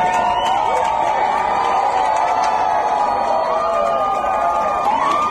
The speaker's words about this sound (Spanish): Eran los gritos de emoción de las cientos de personas que observaron el eclipse total desde el puente de piedra de Zaragoza.